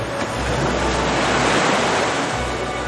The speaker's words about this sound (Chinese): 海浪有节奏地击打着岸边